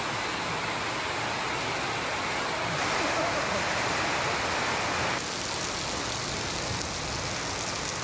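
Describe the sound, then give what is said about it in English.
Heavy rain pounds steadily on a metal roof at a church in Chennai, a dense, unbroken hiss and drumming roar that stays loud throughout, with a slight shift in intensity partway through and no voices. “Wow, listen to that rain come down on this metal roof.”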